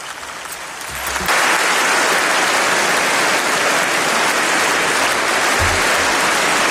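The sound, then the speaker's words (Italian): Loud, sustained applause in the European Parliament chamber in Strasbourg for Canadian Prime Minister Mark Carney, a dense wash of clapping hands that swells after a quieter opening second and holds steady throughout. “Sono le 9:50, sentite l'applauso dell'Aula di Strasburgo al premier canadese che sta ascoltando insieme a noi il discorso di Ursula von der Leyen, presidente della Commissione europea, davanti appunto all'Eurocamera.”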